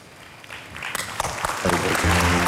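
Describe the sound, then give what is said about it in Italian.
After a brief quiet moment, an audience at a film awards ceremony breaks into steady, loud applause for the best film nominees that keeps building, and a sustained tonal voice or music rises over the clapping near the end. “E vi prego di applaudire tutti i candidati.”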